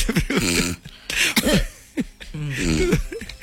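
A woman who had dozed off clears her throat and gives a few short, raspy coughs in three or four rough, voiced bursts over a few seconds.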